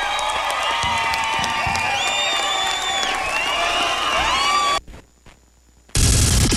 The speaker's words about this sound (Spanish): Un aplauso a la dinamita.